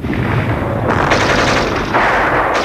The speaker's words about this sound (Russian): Мы отстреливаемся 4 пулеметами.